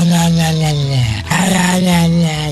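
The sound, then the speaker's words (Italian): A voice imitates a dog, producing a continuous, loud growling whine with a wavering pitch that barely pauses once midway before rumbling on: Porco Cane, the talking dog of the Wonderland segment on the radio show Lo Zoo di 105. “Arriva nel mondo del Wonderland Porco Cane, il cane parlante.”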